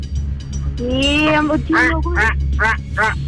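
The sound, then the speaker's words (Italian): A crow-cawing buzzer sound effect in a quiz game: a drawn-out harsh caw followed by three or four quick, raspy caws, loud over a steady low hum. “La cornacchia.”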